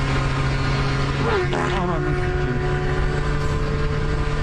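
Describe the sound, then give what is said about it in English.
An extremely fast motorcycle's engine screams past a man at high speed, its pitch swooping sharply as it goes by early on, with a loud, steady droning whine filling the rest. “Here's a dude who farts after an extremely fast motorcycle passes him.”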